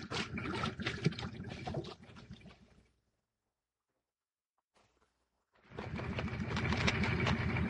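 Dense, churning water sloshes and splashes in a flooded shaft, the water below hip height, for a few seconds, breaks off into near silence, then surges back in a steady, continuous rush.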